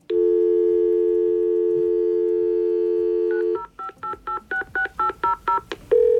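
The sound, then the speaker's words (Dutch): A fax machine dials: a steady dial tone hums for about three seconds, then a quick series of about ten touch-tone dialing beeps follows in a brisk rhythm, ending on another tone; clear, no voices. “Dit is een fax.”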